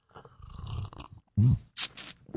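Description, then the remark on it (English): A wet morning slurp of hot coffee, not too warm and not too cold, with a low gurgling pull and a swallow, followed by two short airy breaths, no talking. “grab a little coffee, a little juice, a little OJ, whatever you need to get your day off to a good start. It is the morning slurp”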